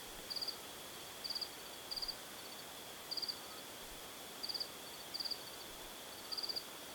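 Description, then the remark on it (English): Crickets chirp in short, rapid pulsed bursts that repeat at a fairly steady pace, about once a second. They are soft, over a constant faint hiss, with no voices. “Spending nights outside before settling in the mountain village of Yegan, he writes of being sung to sleep by insects as darkness fell and the crickets began to trill.”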